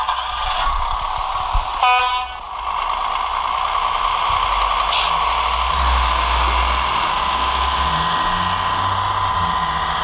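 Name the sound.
train departing from station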